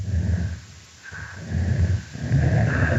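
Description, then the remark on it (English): Low, breathy chuffing bursts from an adult female snapping turtle, broken by a short pause, then a rougher, growl-like rumble call; no talking, just repeated huffing sounds. “Here we hear an adult female snapping turtle engaging in a chuffing vocalization, and it's punctuated by a different call type, which we call a growl.”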